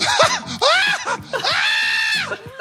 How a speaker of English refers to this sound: What is that sound? God, dog.